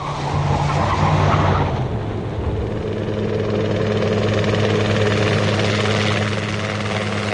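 The engine of an agricultural plane flying at low altitude in a valley gives a steady, loud, continuous drone with a deep throbbing tone and a brief shift in pitch early on. No voices are present.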